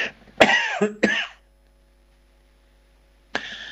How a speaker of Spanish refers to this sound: Porque verdaderamente suele hacerme toser a veces.